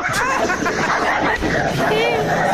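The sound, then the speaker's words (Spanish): Two dogs fighting, a dense, continuous tangle of snarls, growls and high yelps lasting a few seconds, loud throughout with no clear pauses. “Se están peleando la brujita con la campanita. No tienen comida los perros”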